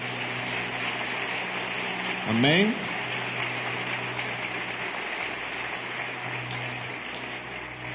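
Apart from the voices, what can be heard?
audience applauding loudly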